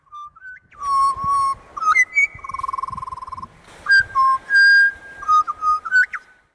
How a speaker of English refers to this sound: Gee, those birds are lovely.